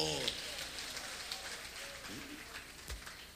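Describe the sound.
A crowd applauds steadily, a dense crackle of many hands clapping at an even loudness throughout, with a few brief voices surfacing underneath the noise.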